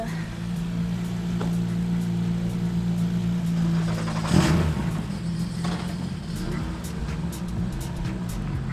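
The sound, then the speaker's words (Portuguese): Rally car engines drone steadily, a low humming rumble with a brief louder surge about halfway through, as the cars draw nearer to the control zone. “Deixa-me só que os carros se aproximem mais na zona de controle para também não formar uma fila gigante ao longo da rotunda e túnel e tudo mais.”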